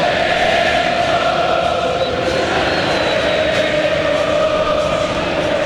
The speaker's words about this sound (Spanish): Cantando por San Lorenzo en una noche que por ahora es alegre para San Lorenzo.